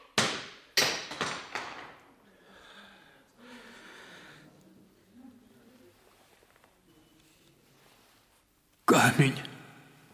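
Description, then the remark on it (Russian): A stone cracks and breaks with a burst of sharp, hard impacts in quick succession, followed by quiet breathy vocal sounds and then one more loud, crunching crash at the end. “Камень разбился.”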